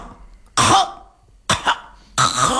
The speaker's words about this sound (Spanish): Entonces la tos viene porque intenta movilizar esa flema para echarla. Y esa es una tos muy sonora.